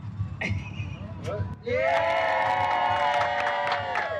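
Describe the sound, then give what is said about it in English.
A crowd of volunteers and supporters at a ribbon cutting in San Antonio, celebrating a house built in 50 hours, bursts into loud cheering and whooping about midway through, with many voices shouting together over a steady murmur of chatter and clapping, energetic. “Joyful applause surrounded Habitat for Humanity of San Antonio's volunteers and supporters as they cut the ribbon and celebrated building a house in just 50 hours.”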